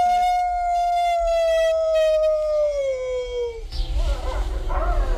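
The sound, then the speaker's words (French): A single long, clear wolf howl holds a steady pitch and slowly slides downward over several seconds, then fades into a rougher, noisy tail with faint background rumble. “On a de la chanson. Oui. Eliott. Eliott, c'est le grand timide aussi parce qu'il y a deux sortes de loups”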